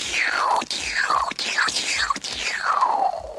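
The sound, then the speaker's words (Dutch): A voice imitates a laser gun as a space sound effect, with a rapid series of about five breathy, whistling "pew" zaps, each sliding sharply down in pitch, fired one after another with short gaps. “Het lasergeweer.”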